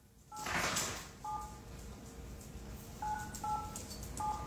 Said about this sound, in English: This is taking place in Dizzy's house in the middle of the night, and there is something that is beeping. It sounds like a phone. What is it? It's essentially a phone and a farmhouse. Oh, it's like a kid's toy.